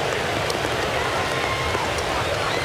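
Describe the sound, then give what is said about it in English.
Heavy rain pours down on a baseball stadium during a game in a steady, dense hiss that fills the whole space, constant and unbroken for the full stretch, with a faint background murmur beneath it. “Well, this is harder rain that we had right now than at any point last night.”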